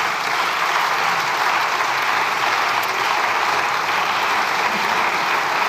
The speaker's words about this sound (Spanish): Aplaudiments de la bancada socialista.